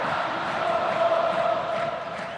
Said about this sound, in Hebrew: שירה שאתם שומעים זו שירה של אוהדי הפועל תל אביב שמרידים את בלומפילד.